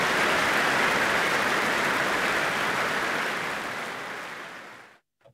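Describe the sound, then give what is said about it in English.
Sustained, dense applause from a large concert hall audience, a steady roar of many hands clapping that slowly thins and fades away at the end. Applause at the Royal Albert Hall, BBC Proms, after Arcangelo's performance of Bach's Mass in B minor. “Well, the extended applause says it all, really.”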